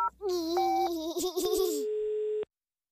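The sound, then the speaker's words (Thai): A telephone number is dialed to order snacks from Khun Lek 8: a run of electronic phone tones and quick clicks that shift in pitch, ending in one steady beep that holds for about a second before cutting off. “อย่างนั้นตอนบ่ายแหลมคมโทรสั่งขนมจากคุณเลข8ก็ได ้”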